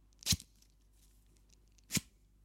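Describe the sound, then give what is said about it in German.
Two quick zipper rasps about a second and a half apart, each a sharp scratchy zip over a faint steady background hum, as a man pulls his jacket zipper tightly closed outside a door. No voices. “Vor der Tür zieht er sich erstmal den Reißverschluss seiner Jacke fest zu.”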